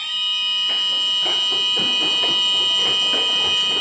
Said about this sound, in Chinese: 随着急促的战斗警报拉响，由万山舰、川山舰、四方舰等多艘舰艇组成的中国海警舰艇编队立即调整航向，向目标海域快速机动集结。